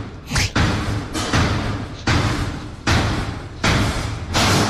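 A lift crashing down its shaft, the lift next to the one being ridden that morning: a series of about six loud, heavy slams at fairly even intervals, each a harsh, rumbling impact that lingers briefly before the next. No one speaks.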